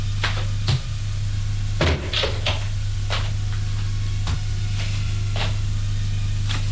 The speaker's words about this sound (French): Frappe à la porte du salon. Entrez. Il entre.